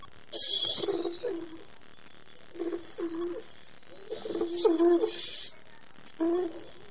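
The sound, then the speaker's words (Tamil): A white dove coos in several low, throaty phrases, spaced a second or two apart, moderately loud, with faint higher chirps and a thin steady tone in the background. “நான் தான் தேவனால் படைக்கப்பட்ட வெண்புறா.”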